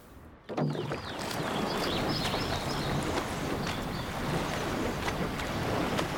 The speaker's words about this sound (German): Die Jungs legen sich aber wieder mächtig ins Zeug. Kein Wunder bei dem neuen Boot. Ja, gute Schlagzahl, gute Schlagzahl.